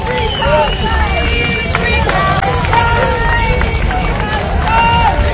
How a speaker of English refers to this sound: they had an entry that did this. Sorry, a lot of clapping for the Free Palestine. Thank you. Oh my gosh.